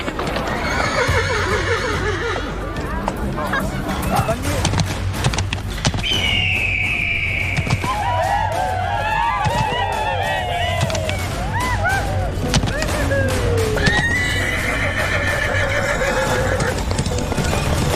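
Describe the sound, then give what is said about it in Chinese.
Horses whinny several times over steady clip-clopping hooves, loud, with a constant murmur of voices and outdoor bustle underneath, at horse racing during the annual Wangguo harvest festival of Tibetan villagers along the Yarlung Tsangpo River. “赛马、歌舞、祈福活动，一年一度庆祝丰收的旺果节，是雅鲁藏布江两岸的藏族同胞最热闹的传统节日。”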